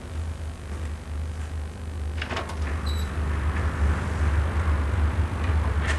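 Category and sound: household object, room door being opened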